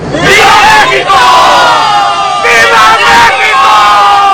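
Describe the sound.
A massive crowd of thousands, dressed in green, white and red, cheers and shouts together in the Zócalo in Mexico City at the Grito de Independencia marking 216 years of Mexican independence: a loud, continuous roar of many voices with rising whoops and chant-like swells that surge and fade.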